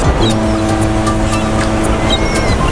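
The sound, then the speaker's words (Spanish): Seaside ambience dominated by a steady, loud low engine drone like a motorboat, with brief faint high-pitched chirps scattered over it and no one speaking. “Escucha, parece que estamos junto al mar, ¿verdad?”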